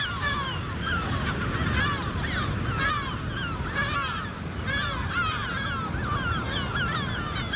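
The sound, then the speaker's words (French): A dense chorus of gulls calls continuously, many overlapping squawks and yelps at varying distances, over a steady rumble of wind or surf. “on va aller capturer des goélands argentés, des goélands bruns et peut-être du goéland marin, dans le but de leur poser des bagues et des GPS.”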